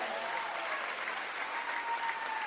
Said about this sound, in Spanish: Dale el aplauso a Dios.